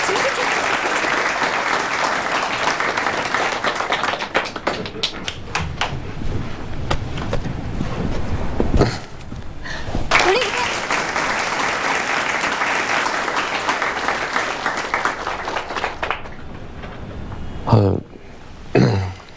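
A crowd applauds loudly and steadily for several seconds, the clapping briefly thinning before surging again, then fading near the end with a few scattered claps and faint background noise, as colleagues at a company gathering applaud a new employee who broke the company's sales record for newcomers.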